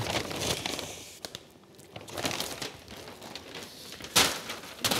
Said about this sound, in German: Das sind die Online-Shop-Tüten für die Hotelkunden oder die eine Pension haben. Die packen wir zuerst, damit die rechtzeitig haben. Die werden dann nach draußen gestellt und dann können die abholen.